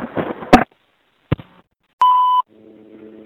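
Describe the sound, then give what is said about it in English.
A payphone keypad tone from a payphone underneath the subway: one short, steady electronic beep rings out clearly after some handling clunks and a click, followed by a faint, low steady hum. “I'm going to include this phone on my collection of payphone buttons.”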